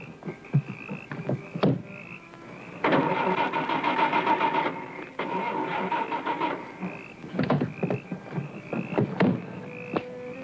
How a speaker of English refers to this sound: But my car won't start and I have to catch a plane.